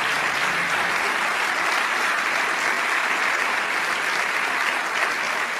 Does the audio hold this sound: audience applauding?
yes